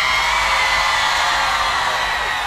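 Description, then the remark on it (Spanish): A large crowd of people from the commune of El Bosque shouts together in unison at an award ceremony, a loud, sustained wall of voices that holds steady for the whole moment, with no single speaker standing out. “Con mucho cariño de la gente del Bosque, que hace un grito por Alanis.”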